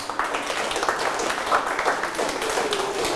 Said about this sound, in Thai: เอาปรบมือ